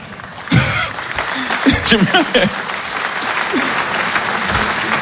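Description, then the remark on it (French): A crowd claps steadily for about five seconds, a dense, even patter of hands, with a few shouted voices rising over it near the start. “Il y a des gens qui applaudissent comme s'ils militaient.”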